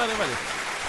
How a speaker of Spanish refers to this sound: pare. Pare los aplausos, justamente.